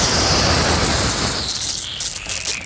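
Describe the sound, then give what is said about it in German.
A garden hose held in the hand sprays water in a steady, loud hissing rush, slightly thinning and fluttering toward the end, recorded at the weekend. No voices are heard. “Ich könnte jetzt sagen, ich habe was in der Hand, was spritzt. Hä? Das ist mein Gartenschlauch.”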